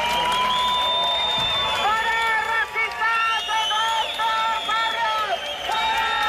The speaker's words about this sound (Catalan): Una hora més tard han arribat els membres del grup supremacista, que han estat escridassats pels antifeixistes, amb crits de «no passaran» o «fora feixistes als nostres barris».